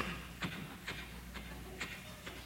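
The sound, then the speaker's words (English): Soft, muffled footsteps of a man who has taken off his shoes cross grass at a slow, even pace, about five steps, quiet, over a faint steady background hum with no talking. “Then he takes off his shoes and walks across the grass.”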